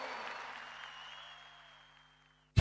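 An audience applauds in a broad, steady wash of clapping that gradually fades over two seconds, then a brief loud burst of sound cuts in at the very end.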